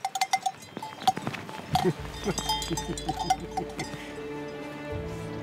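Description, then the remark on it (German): Bells clink and clank irregularly as cows shuffle around, with a low rumbling animal sound and steady outdoor ambience underneath. “Was man von diesen Kühen nicht behaupten kann.”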